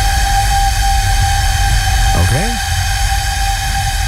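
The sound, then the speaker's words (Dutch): A 600-year-old flute is blown by a person with a rough, breathy sound: steady whistling tones hang over a low, rumbling hiss, and a quick pair of rising, sliding notes squeals out about halfway through. “Dit is een persoon die blaast op de fluit van 600 jaar oud.”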